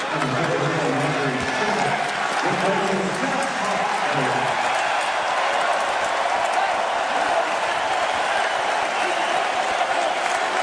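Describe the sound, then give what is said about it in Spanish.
Basketball fans in a large arena clap and cheer for George Hart in a dense, steady roar that runs the full length, with a man's voice talking over it during the first few seconds. “Le aplauden los fanáticos a George Hart.”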